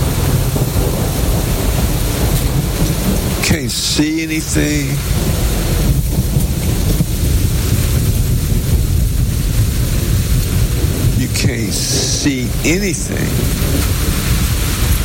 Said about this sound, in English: driving in a storm like this.